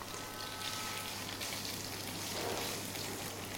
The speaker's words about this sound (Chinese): 好，我们在炒香干的时候，因为锅里已经有底油了，这个时候要调成大火来爆炒。